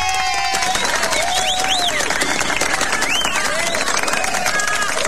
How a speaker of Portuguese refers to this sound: Eu tenho que mandar uma salva de palmas para esse casal maravilhoso. Mande.